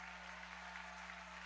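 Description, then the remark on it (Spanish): Steady, dense applause from a large crowd giving praise to the Lord as pastor Juan Carlos Harrigan is introduced, a continuous wash of clapping with no distinct individual claps, holding at an even level throughout over a low constant hum. “vamos, dale fuerte el aplauso al Señor allí, que se escuche un aplauso con alabanza.”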